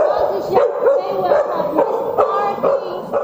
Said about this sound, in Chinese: 好，再来，我们狗狗的话，即使它没办法跟人对话，所以它遇到受困者的话，它用吠叫方式表达它已经找到了受困者。